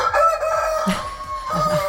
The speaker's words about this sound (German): Und heute wird gegackert. Und gekräht.